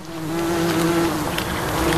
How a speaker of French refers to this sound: Il y a le bourdonnement des insectes, et puis ce bruit sec et régulier.